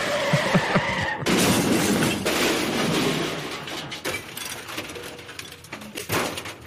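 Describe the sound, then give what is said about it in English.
A car's tires screech in a brief skid, then a loud crash of smashing metal and shattering glass follows, with debris clattering and scattering for several seconds afterward. “Got hit by a car not once, twice.”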